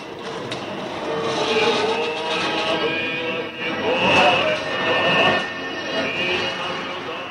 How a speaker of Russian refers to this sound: Тепловоз увез в столицу состав вагонов метро, вереницу бело-голубых красавцев. Это новинка вагоностроителей завода имени Егорова, подарок москвичам к Олимпиаде.